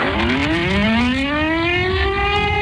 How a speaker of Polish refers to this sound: Przejmujący, ale jednocześnie symboliczny i ważny dźwięk syren co roku wybrzmiewający w godzinie W, czyli o 17:00, i przypominający o rocznicy wybuchu Powstania Warszawskiego.